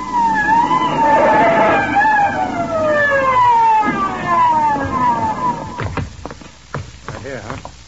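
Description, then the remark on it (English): A loud police car siren wails in repeated falling sweeps over an engine rumble for several seconds as police hurry to the scene of a street assault, then cuts off as people begin talking. “She runs screaming from the scene and brings the cops down in a hurry.”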